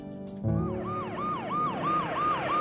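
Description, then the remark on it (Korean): An ambulance siren wails in a rapid, repeating rise-and-fall pattern, loud, over a low engine rumble after a brief quieter start, as the ambulance arrives at a hospital at night. “어둠이 깔린 병원으로 요란한 사이렌 소리와 함께 도착하는 구급차 한 대.”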